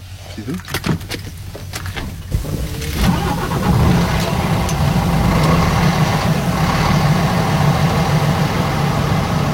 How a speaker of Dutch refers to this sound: Nou, daar zitten we dan. In een echte ouderwetse dieselvrachtwagen. Echt een ouderwetse dieselvrachtwagen, ja. Dus hier moet ik echt nog met het sleuteltje moet ik die omdraaien. En zullen we eens kijken of die